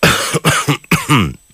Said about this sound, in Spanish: Uy, qué carraspera. Sí, es que está ahí Andancio, alcaldesa, ahí Andancio. Hay Andancio, mucho Andancio. Es el frío, la humedad de la lluvia, que no estamos acostumbrados.